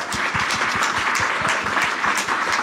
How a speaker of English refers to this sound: So please give Fritz and Naz a round of applause. Thank you.